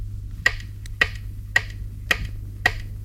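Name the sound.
metronome ticking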